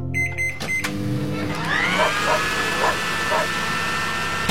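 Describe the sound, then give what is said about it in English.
A hair dryer drying hair runs with a steady, loud, airy roar, a high motor whine rising and then holding level. A few short electronic beeps sound at the very start. “I wasn't even done drying my hair.”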